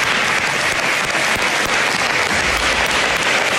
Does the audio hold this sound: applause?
yes